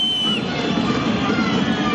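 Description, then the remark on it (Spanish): A stadium crowd of Racing fans whistles steadily in disapproval as Tigre win on the third match day of the championship, a dense shrill wash of overlapping high-pitched whistles over a low roar of massed voices, sustained and loud throughout. “Ese es el veredicto de la gente de Racing. El silbido en la tercera fecha del campeonato.”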